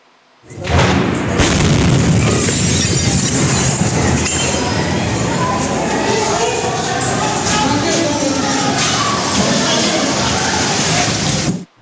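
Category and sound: impact, explosion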